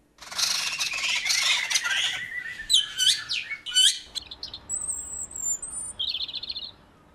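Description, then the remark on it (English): A morning dawn chorus: several birds sing and call at once, with dense chattering at the start, then sweeping whistles, sharp chirps and a high trilling phrase, steady with no talking. “Now, if you've been enjoying the dawn chorus this morning, you'll know there are many different types of birdsong, but new research shows they're all made up of just 8 types of song.”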